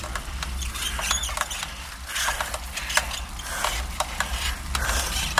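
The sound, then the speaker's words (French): A bicycle creaks and squeaks in a steady, repeating rhythm of short, sharp chirps over a constant low rumble, with no voices. “Ouais, ça grince un peu, ça commence à mal.”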